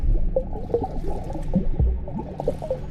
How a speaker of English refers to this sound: I bobbed in the water, making waves, and listening as they slapped against the edge of the pool. Over there, and over there, and I am here.